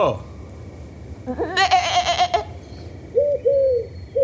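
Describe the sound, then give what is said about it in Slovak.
A sheep named Betka lets out one loud, wavering bleat, then two shorter, softer bleats follow after a brief pause, over a low background hum. “A ty sa tu kde berieš, ovečka naša?”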